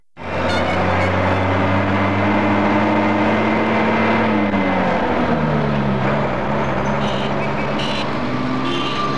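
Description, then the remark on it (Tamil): A car engine rumbles loudly, its pitch dipping and shifting midway as the vehicle slows and pulls up at the gate, then settles into a steady idle. No one speaks. “வாசல்ல கார் சத்த மாதிரி கேக்குது.”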